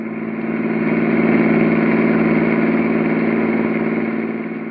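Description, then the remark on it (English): A car engine hums steadily at a moderate level, a continuous low drone with a slight swell in the middle and no voices, as the car is driven into a gas station. “When we drive into this gas station here, keep real quiet.”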